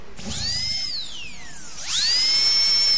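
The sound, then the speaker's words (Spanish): A dentist's drill whines at a high pitch, winding down in a falling glide before spinning back up to a steady, piercing whine. No voices are present. “El torno de un dentista.”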